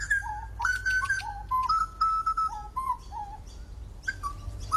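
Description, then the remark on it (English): A grey butcherbird calls with clear, fluting whistled notes in short melodic phrases, rising and falling, fairly loud over a low, steady background rumble. “Oh, the greys also have a nice call.”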